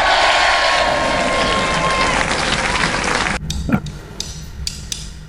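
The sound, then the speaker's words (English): A loud crowd cheers and claps in a dense roar, with a sustained whistle in the middle, then cuts off abruptly after about three seconds, leaving faint scattered clicks and knocks. “And, of course, to you all who got it right, I'm going to give you a little cheers.”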